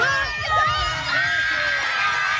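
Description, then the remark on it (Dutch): A crowd of mothers on the sideline at a primary school children's championship on Curaçao cheering and shrieking with joy, high overlapping voices rising and falling in a loud, continuous burst of excitement. “Een explosie van vreugde bij de moeders langs de zijlijn.”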